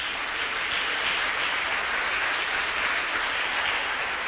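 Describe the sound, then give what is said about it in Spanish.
A church audience applauds the Lord at a night service, a dense, even wash of clapping that holds at a constant level for several seconds with no voices rising above it. “Aplaudan al Señor en esta noche.”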